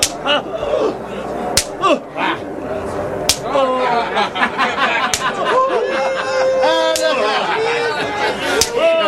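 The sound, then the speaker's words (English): Sharp whip lashes crack loudly about six times at steady, evenly spaced intervals as a soldier whips a prisoner, over a continuous background of agitated crowd voices and cries. “Soldier, whip the prisoner.”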